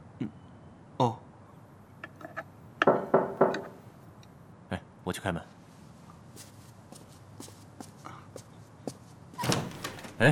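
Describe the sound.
Several sharp knocks on a home's door by a visitor who has come to deliver food, scattered irregularly among other indoor thumps and shuffling noises, heard at moderate volume with muffled voices.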